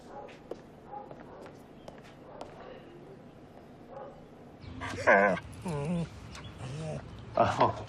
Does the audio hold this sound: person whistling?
no